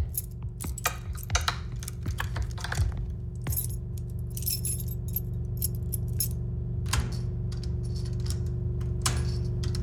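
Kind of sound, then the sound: household object, keys jangling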